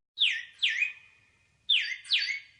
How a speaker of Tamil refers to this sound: ஹே குருவி குருவி குருவி, ஏ குருவி, செட்டு குருவி.